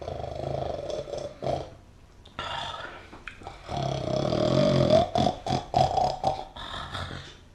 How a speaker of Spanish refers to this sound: si ya está roncando.